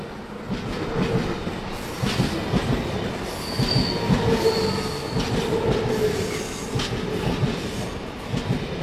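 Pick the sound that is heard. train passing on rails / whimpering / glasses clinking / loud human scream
train passing on rails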